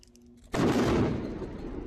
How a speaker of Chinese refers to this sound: 黎巴嫩国家通讯社报道，以军28日轰炸黎巴嫩南部村庄曼苏里后，当地接连发生爆炸，而且浓烟滚滚。法新社记者指出，爆炸几乎将曼苏里夷为平地，附近的提尔市和周边多个村庄都听到爆炸声。